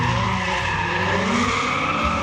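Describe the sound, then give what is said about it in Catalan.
A car peels away with tires skidding loudly, a sustained screeching squeal over a roaring engine, continuous for the whole moment with no voices. “El vehicle arrenca derrapant.”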